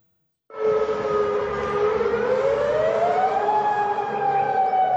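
A loud air raid warning siren wails steadily in Jordan during Iranian missile attacks, its tone slowly rising in pitch, sounding alone without any voices over it.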